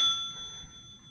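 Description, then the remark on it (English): A single bell strike rings out with a bright, clear tone, its metallic overtones lingering and slowly fading over a second. Nothing else is heard. “The knocking at the door. The ringing of the bell.”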